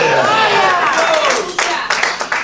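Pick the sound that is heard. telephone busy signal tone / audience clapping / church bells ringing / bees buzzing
audience clapping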